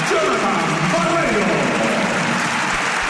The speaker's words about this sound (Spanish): Se sienta Barreiro aplaudido por parte del público